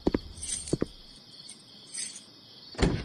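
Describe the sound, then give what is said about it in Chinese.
Several footsteps thud in irregular pairs, growing louder toward the end as someone approaches, returning home late, while crickets chirp steadily in the background of a quiet night. “你踢他踢他的脚步声，我再熟悉不过了。”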